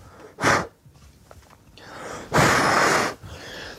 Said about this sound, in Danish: Inden vi kommer så langt, så skal vi lige ind på en stroppetur hos Livgarden. Så jeg puster.